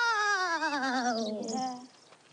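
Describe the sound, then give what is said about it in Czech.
A long, wavering wail that slowly slides downward in pitch with a tremulous vibrato, a voice imitating howling wind, loud for about two seconds before trailing off. “To byla meluzina.”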